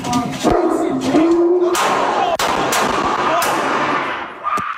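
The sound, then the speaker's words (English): A large dog, Jameson, barks loudly and repeatedly, sharp abrupt barks mixed with higher whining yelps, with muffled background sound, in LAPD body camera footage as officers approach an apartment on Saturday, June 13th. “Is the dog put away? Sorry, he's not aggressive. Oh, he's huge.”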